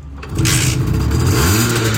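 A small two-stroke Simson S51 moped engine, a prize won in a Hitradio RTL contest, is started with a key and roars into life, revving steadily, its buzzing tone rising and falling in pitch, loud and unbroken with no talking over it.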